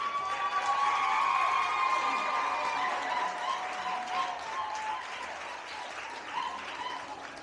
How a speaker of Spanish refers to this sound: Yo quisiera que se pare y se dé un aplauso a ustedes mismas.